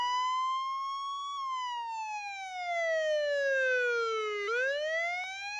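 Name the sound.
ambulance siren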